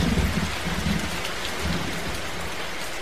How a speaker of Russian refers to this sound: Когда уже этот дождь прекратится? Неужели Ной был прав?